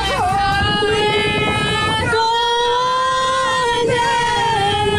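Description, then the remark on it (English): A group of people sing loudly on a boat, holding long sustained notes that waver slightly in pitch, over a steady low rumble that drops away partway through. “Everyone is singing.”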